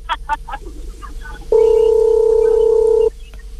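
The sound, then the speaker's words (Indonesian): A steady telephone dial tone while placing a phone call sounds loudly for about a second and a half, a flat unbroken hum, preceded by brief indistinct voices in the background. “Kalau kita telepon sekarang.”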